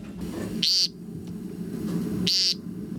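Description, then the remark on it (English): An American woodcock gives two short, nasal, buzzy peent calls about two seconds apart, loud, on a spring evening, over a steady low rumble of background noise. The calls sound almost frog-like. “I used to think that was like a spring peeper, like a frog. Yeah, it doesn't sound like a bird.”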